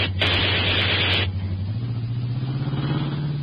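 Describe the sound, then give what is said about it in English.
A car engine runs loudly with a steady low drone that creeps upward in pitch, while a harsh hissing roar surges over it for about a second near the start, then cuts off. “Grace, that car attacking oddly.”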